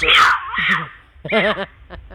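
A mountain lion scream: a loud, harsh screech that breaks into a wavering, moaning cry, then after a short pause a second shrill, quavering wail and a brief fainter call.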